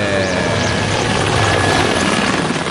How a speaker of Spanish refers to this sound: Llega en el helicóptero.